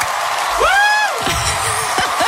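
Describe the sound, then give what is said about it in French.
A concert-crowd sound effect: a crowd cheers in a steady, loud roar, with one rising and falling high whoop standing out early on and scattered shouts underneath. “Pourquoi il y a une foule qui nous entoure?”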